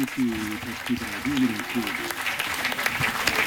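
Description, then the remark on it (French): Steady applause from dozens of people in a packed synod hall for Pope Leo XIV after he presented his first encyclical, Magnificat Humanitas. The hall is reverberant, and a voice speaks over the clapping during the first couple of seconds before the applause carries on alone. “Le pape applaudit, chacun va.”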